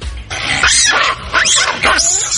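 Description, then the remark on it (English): Several loud, harsh macaque monkey calls in quick succession, screechy barks and rising shrieks that sound agitated, with no talking. “So that is the monkey that they're having issues with.”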